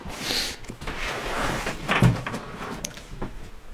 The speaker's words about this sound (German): eine Tür.